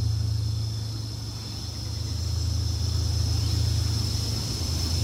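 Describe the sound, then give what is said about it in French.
Continuous low rumble of cars passing along a seaside road, with a steady engine hum, even in loudness throughout, with no distinct pass-by swells and no voices. “Les voitures qui traversent au bord de mer.”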